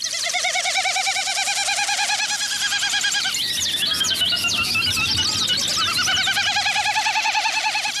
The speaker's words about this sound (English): And a Wilson snipe.